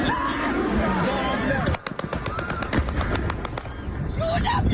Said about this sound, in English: There's an attempt, it sounds like, by local air defence to shoot it down. You can hear the crack of machine gun fire, but that is unsuccessful. The drone dives into the building.